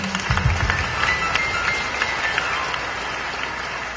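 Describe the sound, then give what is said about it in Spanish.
A church audience claps loudly and steadily to welcome the new children of God, a dense wash of overlapping hand claps that holds its volume for several seconds with no voices on top. “Recibamos con fuertes palmas a los nuevos hijos de Dios.”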